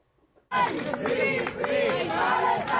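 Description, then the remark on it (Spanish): A large crowd chants "Palestina libre" (free Palestine) in unison at Barcelona airport, welcoming a Spanish-Palestinian activist returning after 10 days detained in an Israeli prison. The loud chant bursts in after a brief moment of quiet and continues in rhythmic, overlapping shouts. “Al grito de Palestina libre han recibido en Barcelona”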